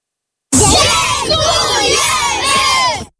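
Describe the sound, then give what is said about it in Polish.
A crowd of many voices shouts together in loud unison, a sustained collective cry of thanks lasting a few seconds with rising and falling pitch contours before cutting off. They are beneficiaries of the Castorama Foundation in Poland thanking Castorama employees who volunteered to help improve their housing. “Tak właśnie podopieczni Fundacji Castorama dziękują pracownikom, którzy jako wolontariusze pomagali i wciąż pomagają tysiącom dzieci i dorosłym w całej Polsce poprawić warunki mieszkaniowe.”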